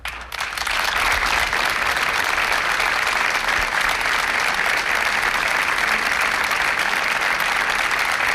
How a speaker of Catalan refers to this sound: Són els aplaudiments que han trencat el minut de silenci que Roda de Barà, el tarragonès, ha dedicat aquest vespre a les dues dones que han mort a causa dels aiguats de dissabte.